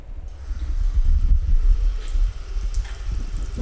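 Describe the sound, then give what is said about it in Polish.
Water runs steadily from a tap, a continuous rushing splash with a low, full rumble, fairly loud throughout, with no voices. “Drzwi zamknąłem i teraz, proszę Państwa, mogę puścić wodę.”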